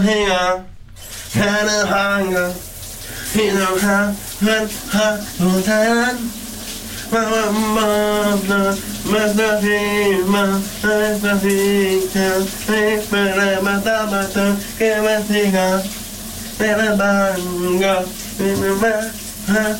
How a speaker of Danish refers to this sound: Nu skal vi til dagens brusebad-sit fra i morges. Kan du gætte, hvad han synger?